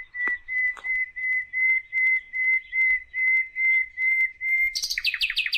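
A common nightingale, recorded in Ankara, sings a steady series of about a dozen identical pure whistled notes, evenly spaced, then breaks into a fast, higher, buzzing trill at the end, with no talking.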